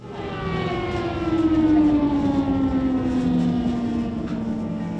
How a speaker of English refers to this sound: So we just heard an air alarm, which means that all the babies are being taken to the basement for safety.